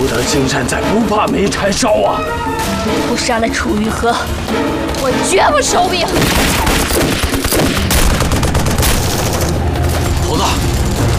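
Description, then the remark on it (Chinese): Distant explosions and gunfire from an exchange of fire between two sides erupt in rapid, overlapping bursts in the second half, with heavy booms underneath. Voices talk before the shooting starts and can still be heard faintly through it. “您听见远处传来的爆炸声和枪声了吗？”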